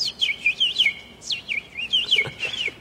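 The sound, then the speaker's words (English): A person whistles a bird imitation, a run of quick high chirps and warbling trills in short bursts, clear with no talking. “Do that bird thing again.”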